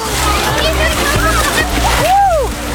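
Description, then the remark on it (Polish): Water splashes loudly as kids plunge into an open-air swimming pool on Wejherowska street on a 35-degree day, a burst of sloshing and spray against a steady wash of pool noise, with children's voices and whoops mixed in. “Aż ja zostałam ochlapana. Poszły pod wodę.”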